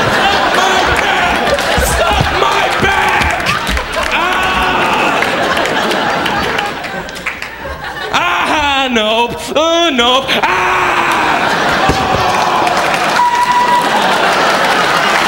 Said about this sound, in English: By a round of applause, how do you feel?